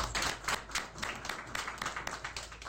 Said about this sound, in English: Can you clap for him?